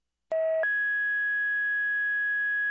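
A radio dispatch alert: a short, steady lower tone jumps abruptly to a higher pitch that holds loud and unbroken for about two seconds, with no voices.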